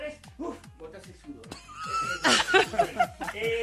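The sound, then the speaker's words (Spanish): A person imitates a quick trotting horse with their voice, a quick run of rhythmic clicking and whinnying sounds, rising into a louder neigh-like burst near the end. “Haga un trotecito rápido a ver que yo que. Parece un caballo.”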